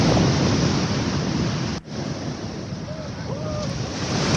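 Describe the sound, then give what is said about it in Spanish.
Heavy ocean surf roars steadily against the shore at Lipimávida, near Vichupena, a dense, continuous wash of crashing waves with wind buffeting the microphone and a brief dip partway through. “Como se escucha el sonido del mar.”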